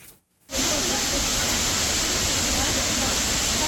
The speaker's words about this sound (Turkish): Gürül gürül akan şelalesi, yemyeşil doğası. Artvin'de bulunan Maral Şelalesi manzarasıyla kendine hayran bırakıyor. Burası Artvin'in Borçka ilçesindeki Camili Havzası.